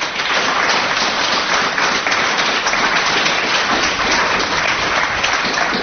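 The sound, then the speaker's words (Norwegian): A crowd applauds the performing artists steadily after a radio station's anniversary concert, dense overlapping clapping at an even loudness throughout with no voices. “Så det har vært veldig, veldig bra konsert, så må gi dem en applaus som har stilt opp for radioen og denne jubileumskonserten.”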